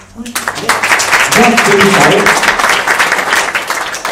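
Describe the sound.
An audience claps hands in a loud, dense burst of applause at the opening of a spiritual and cultural center, starting almost at once and holding steady for a few seconds, with brief voices calling out partway through.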